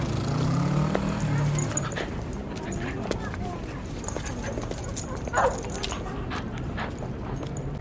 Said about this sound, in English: The West Village has the highest density of dogs in the city. Lots of the dogs are chasing birds and barking at cars.